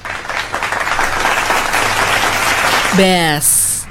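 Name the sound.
applause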